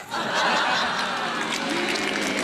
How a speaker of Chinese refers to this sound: 就这您还鼓掌呢，这跟我都没关系。